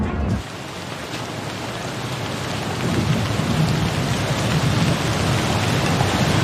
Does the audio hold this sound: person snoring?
no